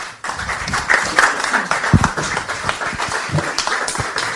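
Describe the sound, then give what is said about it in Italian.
A crowd applauds steadily, many hands clapping in a dense, continuous patter with scattered sharper claps, moderately loud, with no one speaking over it. “ho interrotto il tuo applauso, ti chiedo scusa, l'ho fatto apposta perché spero che il mio sia più rumoroso.”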